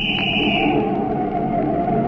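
A traffic cop's shrill, steady whistle blast rings out loud for under a second, signalling a car to pull over on 6th Avenue near Radio City, then trails off into a dense, rumbling background noise.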